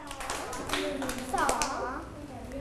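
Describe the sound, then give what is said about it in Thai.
Two sharp hand claps, made as part of an exercise of spinning twice, clapping twice and standing on one leg, cut through over a child's voice and other talk, standing out as crisp, bright slaps against a steady background of speech. “หมุนตัว2ครั้งแล้วปรบมือ2ครั้งยืนขาเดียว 1 2 แล้วก็”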